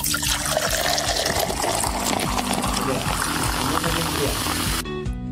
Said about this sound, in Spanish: Ya son las 12 y que viva el descorche. Dice, ya ves, ya todos están, ya empezaron a destapar los primeros refresquitos